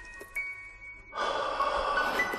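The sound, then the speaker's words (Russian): A single long, airy exhale breathed onto a person's neck, starting after a second of near silence and continuing softly to the end. “Дышать лучше в шею.”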